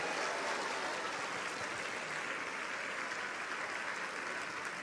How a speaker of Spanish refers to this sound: Un aplauso al Señor.